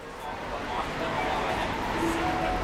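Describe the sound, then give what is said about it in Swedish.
Busy tram stop in Vienna in rush-hour traffic: a steady, dense rumble of vehicles with a thin metallic whine drifting through, and indistinct voices murmuring in the background. “På en spårvagnshållplats mitt i rusningstrafiken sitter gatumusikern”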